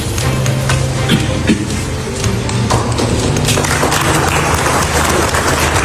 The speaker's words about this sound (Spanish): Esto no ha sido fácil, dice Trump y le aplauden.